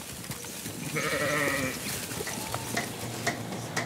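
animal, sheep bleating

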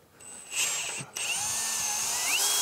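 tool, power drill drilling

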